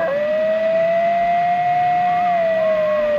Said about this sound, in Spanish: Los lobos. No. Coyote. Sí, señor. Un coyote.